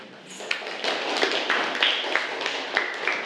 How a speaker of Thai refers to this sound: ขอเสียงปรบมือให้ด้วยค่ะ